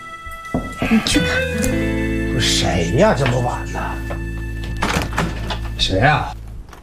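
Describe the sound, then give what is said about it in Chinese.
A few dull knocks land on a wooden door near the start, set against talking voices and a steady sustained tone that runs through the rest of the scene. “有人敲门。”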